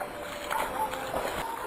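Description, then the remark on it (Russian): Wet, squelching footsteps in mud outside a house, a few soft sucking steps against a steady watery background hiss, not very loud. “Но пока он стоял, вглядываясь в личико девочки, на котором застыло умоляющее выражение, снаружи послышались шорох и чей-то торопливый шепот, сопровождаемый хлюпаньем, как будто кто-то ступал по грязи.”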